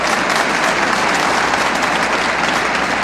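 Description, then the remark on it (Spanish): An audience applauds steadily for the glory of God, a dense, even wash of clapping at a loud, sustained level from start to finish with no voices breaking through. “Que se escuche ese aplauso para la gloria de Dios.”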